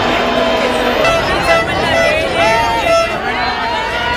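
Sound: crowd cheering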